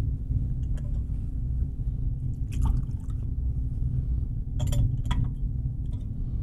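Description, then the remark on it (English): A small amount of water trickles into wine in a metal chalice, with faint drips and light clinks over a steady low hum. Nobody speaks. “By the mystery of this water and this wine, may we come to share in the divinity of Christ, who humbled himself to share in our humanity.”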